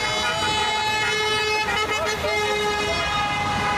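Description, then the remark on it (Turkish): Sustained car horns blare continuously over a dense wash of street noise as a convoy of Fenerbahçe fans in their vehicles honks together, celebrating the club's Champions League qualification with chants, their steady tones overlapping, with voices mixed into the loud crowd din. “Araçlarıyla konvoy oluşturan sarı lacivertli taraftarlar saatlerce marş eşliğinde kutlama yaptı.”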